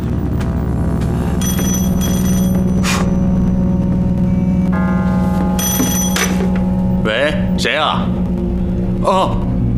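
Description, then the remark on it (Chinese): A telephone rings in several shrill, bell-like bursts over a steady low hum, with a person's voice briefly heard toward the end. “接完电话再说吧。”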